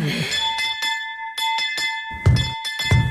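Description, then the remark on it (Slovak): A doorbell is rung insistently, its bright metallic tone ringing on in rapid, repeated bursts, fairly loud, with a few heavier thumps of banging on the door mixed in near the end. “Čo sú to za more si takto nivočiť zvonec?”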